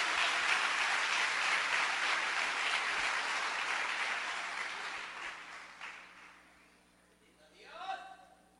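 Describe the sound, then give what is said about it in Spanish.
An audience applauds loudly as an offering of applause to God, in a sustained wash of clapping that gradually fades out, followed by a brief voice near the end. “Ahora sí, denle una ofrenda de palmas fuerte al Dios de los cielos.”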